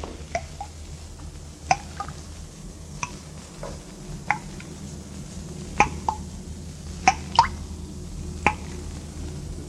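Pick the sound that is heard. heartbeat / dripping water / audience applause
dripping water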